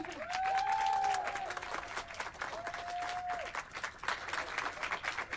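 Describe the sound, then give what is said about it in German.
An audience applauds steadily for several seconds, a dense crackle of many hands clapping, with a couple of brief whistle-like tones or cheers rising above it early on. “Und das war sehr viel Arbeit, deshalb würde ich mich auch freuen, einmal einen Applaus für die beiden.”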